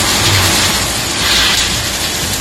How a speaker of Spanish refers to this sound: Y un sonido que sigue repitiéndose, el de la tarde de ayer, las tormentas que volvieron a La Rioja.